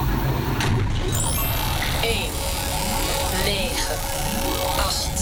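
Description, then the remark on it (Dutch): A time machine starting up after its doors close, a whirring, buzzing effect that hums steadily with rising and sweeping tones layered over a low rumble, running for several seconds as it travels back to the year 1980. “Kijken wat de machine doet. Daar gaat hij.”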